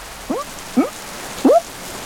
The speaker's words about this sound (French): Maintenant, il pleut à grosses gouttes.